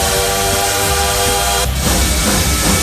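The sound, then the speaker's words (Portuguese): A loud bullet train sound effect: a sustained, steady horn-like tone for over a second, then it cuts to a broad rushing roar as the train sweeps past. No talking. “Olha o trem-bala aí, ó.”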